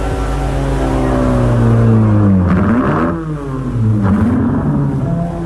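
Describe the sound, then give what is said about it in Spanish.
A car engine hums and revs steadily, its pitch rising and falling in a couple of swells as the car is driven to a parking lot after a race, loud and continuous with no talking. “Kenny y yo llevamos el auto al estacionamiento.”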